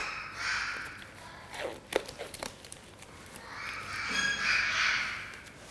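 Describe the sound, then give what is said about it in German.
A parakeet in a veterinary clinic, being treated for a leg injury caused by its ring, gives harsh, raspy squawks, one burst at the start and a longer one near the end, with light rustling and clicking handling sounds in between. “Dieser Gustavsittich ist hier bei uns in der Klinik, weil dieser Vogel ein Problem mit seinem Ring hatte.”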